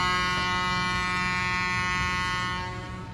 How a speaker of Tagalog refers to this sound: Arabitan, i-play abitan ang busina sa barko, pamatian ta abitan.